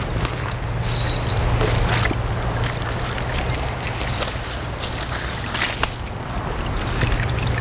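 Water trickles and sloshes steadily across a soaked, leaf-carpeted forest trail in the Estérel massif on the Var coast, a continuous wet hiss over a low, constant rumble, with no voices.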